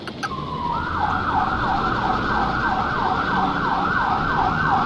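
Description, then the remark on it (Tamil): An ambulance siren wails loudly and steadily, its pitch sweeping up and down in quick repeated cycles over a low rumble of road traffic, with no one speaking. “அந்த வண்டி கூய் கூய் என்று கத்திக்கொண்டே வருகிறது.”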